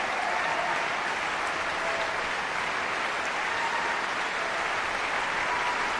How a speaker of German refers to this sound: Applaus für diese großartige Leistung. Applaus auch für die jungen Sänger der Knabenkantorei Basel, für den Frauenchor des Gesangsvereins, die von den Emporen des Musiksaals des Stadtcasinos aus gesungen haben.